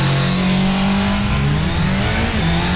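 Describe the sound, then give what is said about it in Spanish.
A 200cc competition racing motorcycle engine revs loudly and continuously for a few seconds, its droning pitch wavering up and down, with no voices. “Nos vamos de. De. 200 cilindraje.”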